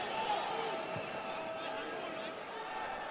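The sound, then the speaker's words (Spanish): A large stadium crowd of New York fans at a soccer match against Tigres applauds and cheers a defensive play by Tavon Gray in a steady, dense roar that holds for a few seconds, with a voice faintly audible over the noise. “Y vaya aplauso que se lleva de la porra newyorkina.”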